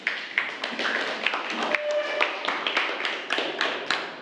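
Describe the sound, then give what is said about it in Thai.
A class applauds steadily for about four seconds to welcome the group 3 student representative, many overlapping hand claps forming a dense, lively patter with sharper individual claps popping out. No one speaks over it. “ขอเชิญตัวแทนจากกลุ่มที่3ได้เลยค่ะขอเสียงปรบมือด้วยค่ะ”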